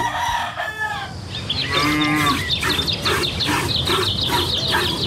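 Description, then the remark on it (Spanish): Cattle low in long, drawn-out moos with a steady, buzzy tone during the dawn milking in a village, while chickens and roosters cluck and squawk in quick repeated bursts throughout. No one speaks. “En los pueblos, el amanecer tiene música. La ordeña, los gallos y el sonido de las brasas para echar al comal las tortillas grandes.”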